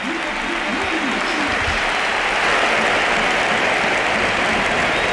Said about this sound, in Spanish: Y la gente de pie, el Pizjuán de pie, aplaudiendo a Modric. Gesto precioso, coreando.